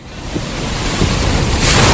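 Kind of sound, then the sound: nature, sea waves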